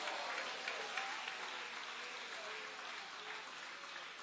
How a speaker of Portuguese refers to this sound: Quem vai continuar perseverando até o fim, levanta a mão, dá um glória e aplaude a Jesus. Pode aplaudir, é para Ele as suas palmas.